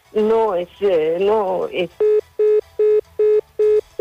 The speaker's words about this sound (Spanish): Se le cortó la llamada a Gloria.